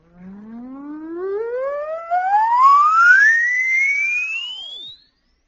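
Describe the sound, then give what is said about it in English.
A steady oscillator test tone, played to test how high a listener can hear, glides smoothly upward from a low hum to a high, thin whistle over about five seconds. It is somewhat buzzy with overtones, then cuts off abruptly. No one speaks. “I'll play an oscillator for you.”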